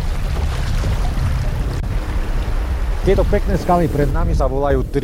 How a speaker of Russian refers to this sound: Постепенно течение усиливается, появляются первые пороги, правда, невысокие, а потому не страшные.